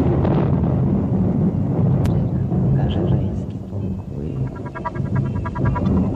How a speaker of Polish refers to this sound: Nagle błysnęło. Przez niebo przetoczył się grzmot.